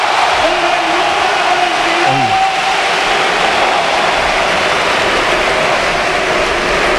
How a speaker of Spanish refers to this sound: La ovación a Isco en la Real.